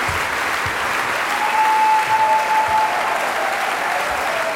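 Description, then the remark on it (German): Sustained, dense applause from a concert audience after Mozart's Piano Concerto No. 20 in D minor, K. 466, conducted by Antonello Manacorda, a steady wash of clapping at even loudness throughout, as the crowd calls for an encore from pianist Lukas Sternert. “Ja, und Sie hören es, meine Damen und Herren, das Publikum verlangt hier eine Zugabe.”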